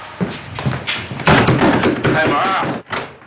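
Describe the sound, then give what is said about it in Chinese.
A few firm, hollow knocks on a door, spaced unevenly, as arriving visitors call for it to be opened, with voices talking over and between them and a brief thud near the end. “到了。哎，开门。”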